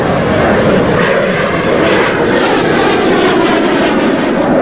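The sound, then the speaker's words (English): A loud, steady roar of two jet planes streaking low overhead across the sky above a beach, a dense rushing engine noise that fills the whole clip without fading, with no voices. “On the beach, the pair pause to stare up at two jet planes streaking low across the sky.”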